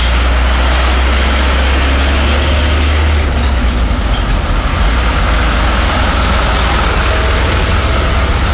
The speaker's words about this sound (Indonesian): Nah ini ada perbantuan dari pihak kepolisian untuk mengatur jalannya arus lalu lintas tetap berjalan dengan baik ya di sekitaran sana. Apalagi didominasi dengan truk-truk besar ini kawan. Perlu waspada saja, hati-hati di jalan dan jaga jarak aman